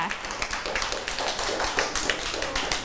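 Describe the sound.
A group of children in class clapping together in a steady burst of applause for a classmate's artwork, at the teacher's request, dense overlapping claps with faint voices mixed in the background.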